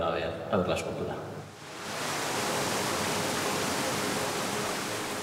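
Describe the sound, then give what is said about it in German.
After a brief murmur of voices, pumped-up water surges in and roars steadily, a loud, unbroken hiss of rushing water simulating the surf of the Basque coast. “Um das Meer auch zu hören, simuliert hochgepumptes Wasser die Brandung der baskischen Küste.”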